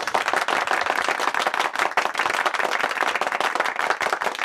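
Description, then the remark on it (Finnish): Sustained applause from a group of people, dense rapid clapping at steady loudness throughout, with no pauses or voices standing out. “Mulla on tossa tettiläisiä siis, jotka tulee taputtaa, ne on ihan sitä varten täällä vaan.”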